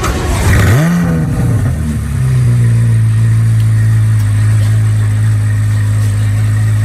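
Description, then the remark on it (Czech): A Corvette sports car engine blips with a quick rev, then settles into a deep, steady burbling idle, loud, with no one talking. “No a pokud dneska vyrazíte někam do obchodu shopovat a budete si chtít koupit třeba auto, tak určitě si nekupujte nic jiného než korvetu, protože právě ta má svůj svátek.”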